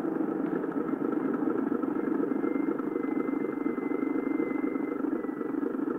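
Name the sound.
car approaching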